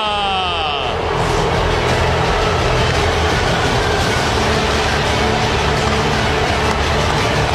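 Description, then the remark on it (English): A big stadium crowd at a Seattle Mariners game applauds and cheers for former manager Lou Piniella as he comes out to throw the ceremonial first pitch of the 50th season, a loud, steady roar that holds for several seconds. A brief echoing tone fades out at the very start. “Thunderous applause for Lou Piniella, who is coming out to throw the first pitch, and the Lou's are raining down right now.”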